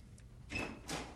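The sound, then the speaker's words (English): Door noises with two short scraping bursts, the first carrying a faint squeak, as if a door slides or is opened as somebody comes to the door. Fairly quiet, with no voices. “Listen, somebody's at the door.”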